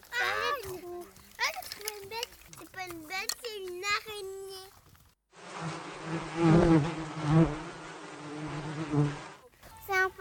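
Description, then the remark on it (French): A child's voice talks briefly, then a dense, steady buzzing of bees drones for about four seconds, a loud low hum with no talking over it. “petites abeilles. Elles vont aller où, les abeilles?”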